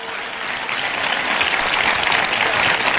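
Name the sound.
loud applause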